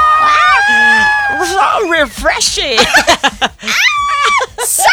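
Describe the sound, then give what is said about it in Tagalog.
A loud, high-pitched shriek rings out near the start, sustained for about a second, followed by excited, rapid vocalizations and another brief squeal toward the end. “Ay, tumili siya.”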